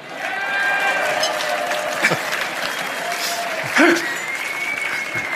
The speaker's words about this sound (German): Der Applaus war ziemlich wenig, hast du gemerkt? Komisch.